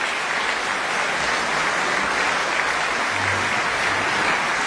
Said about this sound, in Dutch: Ze komen nog een keer op voor het applaus van het publiek hier voor de pauze in ontvangst te nemen.